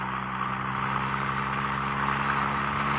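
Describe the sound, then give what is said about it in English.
A small car's engine drones steadily while driving through flat, open country, a constant low hum with a faint rumble underneath, holding the same level throughout with no voices or other sounds. “I love our little car, but this flat, open country is fabulous.”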